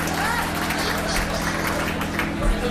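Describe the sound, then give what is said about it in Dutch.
Audience applause on a live recording: a steady, dense wash of many hands clapping at once, holding an even loudness throughout, with a low hum and some crowd voices mixed underneath. “Dat was een echte live versie. Dan gaan we naar... Hoe weet je dat? Applaus en vertelt van alles.”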